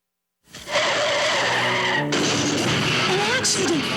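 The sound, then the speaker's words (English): Car tires screech loudly in a long, sustained skid, then the sound abruptly shifts into a harsh, noisy clatter as the car crashes in an accident with a child inside, staying loud to the end. “The humans had an accident. There was a child in the car.”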